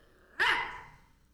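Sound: dog barking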